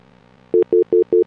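A loud telephone line tone comes in rapid, evenly spaced beeps: five short pulses after a moment of low background hum, with no one speaking.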